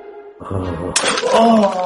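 An antique chair breaks with a sudden loud splintering crash, followed by a burst of rattling, cracking debris, while voices exclaim throughout.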